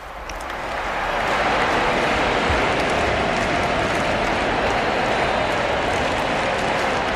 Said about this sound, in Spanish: La gente está aplaudiendo a su santidad, y ahora vamos a escuchar al cardenal, ¿verdad?